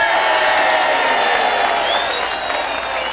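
A crowd applauds and cheers loudly for a few seconds, a dense, steady wash of clapping with whistles and whoops rising above it, easing slightly toward the end.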